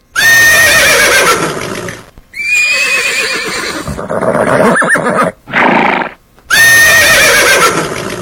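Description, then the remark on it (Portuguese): Several loud whinnies from young colts ring out one after another, shrill wavering neighs with short snorts and breathy pauses between them, no voices present. “No relincho da potrada, vai começar mais um programa dedicado à cultura gaúcha.”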